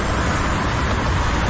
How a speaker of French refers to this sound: C'est quoi? C'est un sweeper. Hey, pour de vrai, dans mon ordinateur, ça sonnait mieux que ça.